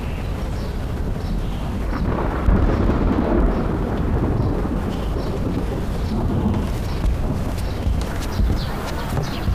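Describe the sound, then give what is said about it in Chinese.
Loud, rolling thunder rumbles continuously for the whole stretch, a deep, dense roar that swells slightly partway through and never fully fades, with no one speaking. The thunder breaks suddenly after a clear sky as rain begins. “刚才晴空万里，这忽然又打雷了。”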